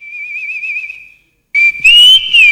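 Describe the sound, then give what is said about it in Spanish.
Someone whistles a tune: a long, softly wavering held note, a short pause, then louder, brighter notes that slide up and down in pitch. “¿Le ha gustado la silbadita a la gente, che?”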